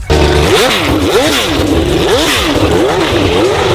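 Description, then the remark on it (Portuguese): A loud racing engine revs up and down repeatedly, its pitch sweeping in rising and falling arcs about every second, with no voices over it. “E a gente começa acelerando.”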